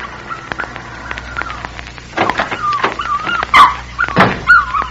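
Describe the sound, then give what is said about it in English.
A puppy whimpers and yelps as a little girl kneeling over it pulls small tufts of hair from its body, thin high whines broken by several sharp, louder yips in the second half, with no one speaking. “As I approached the house, I saw a little girl kneeling over a puppy. She was engaged in the dubious pastime of pulling small tufts of hair from its body.”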